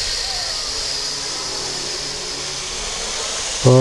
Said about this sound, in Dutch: Zing even mee tot enkel gesis te horen is.